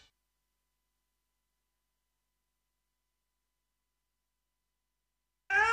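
After a long stretch of silence, a single cat meow begins right at the end, a short bright rising cry that cuts off abruptly.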